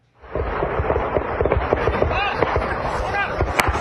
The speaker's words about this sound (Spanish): En México, un enfrentamiento armado de grupos criminales en Michoacán desató el pánico entre campesinos que tuvieron que correr para refugiarse de los disparos.